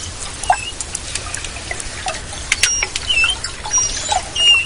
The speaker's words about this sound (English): That's what manatees sound like when they're communicating in the warm,